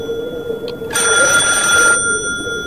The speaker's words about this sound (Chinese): 黑黢黢的家属区，阴影幢幢，风声瑟瑟。电话铃声猛地在一个楼里骤响